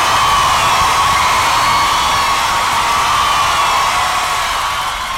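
Loud, steady applause and cheering from a crowd, a dense wash of clapping and shouts that holds for about five seconds with no break or single voice standing out.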